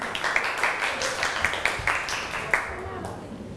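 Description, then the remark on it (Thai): A group claps to encourage the second group, the non-metals group, as it comes up to present: a dense patter of hand claps with a few sharper claps standing out, fading toward the end of the short burst. “กลุ่มที่จะได้นำเสนอก่อนก็คือกลุ่มอะโลหะนั่นเองนะครับขอเชิญกลุ่มอโลหะได้เลยนะครับปรบมือให้กำลังใจกลุ่มที่2ก่อนครับ”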